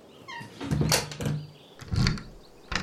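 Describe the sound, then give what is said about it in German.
A door creaks and shuts with a dull thud, followed by a second clunk and a sharp click as the lock turns. No one speaks. “schließ die Tür ab.”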